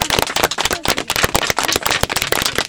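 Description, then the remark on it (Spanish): Children of the third-grade classes A and B of the Unidad Educativa Cleto Loaiza school clapping together in a dense, steady burst of applause, many sharp overlapping claps filling the whole moment without any voices. “Ahora sí, toditos van a aplaudir, ¿ya?”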